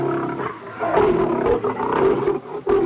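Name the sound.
lion roar sound effect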